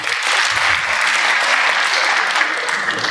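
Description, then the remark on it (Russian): Steady, dense applause from a stand-up comedy audience on Humor FM, men who went on holiday with a girlfriend clapping at a constant, fairly loud level with no voices standing out. “Отдохнувшие аплодисменты, да?”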